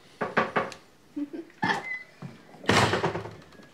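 A door shuts as a man goes out: a few quick knocks and rattles from the handle and latch, then a solid thud with a brief rustling swoosh as it closes.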